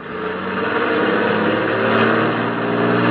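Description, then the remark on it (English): A truck engine revs loudly, a steady, rumbling drone that holds strong for a few seconds as the truck pulls forward to squeeze past a blocking object on the road shoulder, with no voices over it. “It looks like you might squeeze by on the shoulder. Here goes.”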